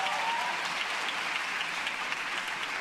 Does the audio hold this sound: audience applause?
yes